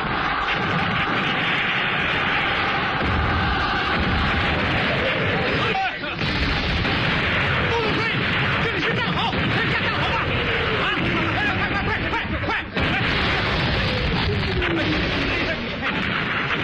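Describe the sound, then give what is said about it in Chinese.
A dense, continuous roar of battle with heavy artillery and explosions, falling whistles of incoming shells cutting through, and indistinct voices buried in the din; loud and relentless throughout. It is the East China Field Army's general offensive on Du Yuming's forces at Chenguanzhuang on 6 January 1949. “1949年1月6日，华东野战军对杜聿明集团发起总攻，陈官庄炮火连天，解放军冲过敌人阵地铁丝网。”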